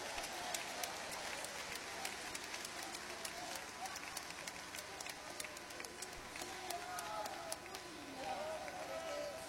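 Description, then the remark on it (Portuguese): An audience at a Portuguese-language worship gathering claps their hands steadily and somewhat unevenly as the preacher urges them to add 'glory' to the clapping, many sharp claps overlapping throughout, with a murmur of voices beneath. “Oh glória, mistura a glória com essas palmas aí, meus irmãos.”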